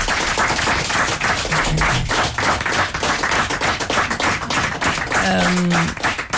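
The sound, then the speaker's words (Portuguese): A crowd applauds the musicians João Simão and Lelo Nogueira, a steady, dense, loud patter of many hands clapping throughout, with a brief voice or whistle rising over it near the end. “E o João Simão, Lelo Nogueira, uma salva de palmas. Um aplauso para ele.”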